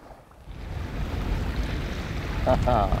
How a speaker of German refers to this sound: Und jetzt nur die Natur, ohne Motorgeräusche. Das Wasser pur genießen.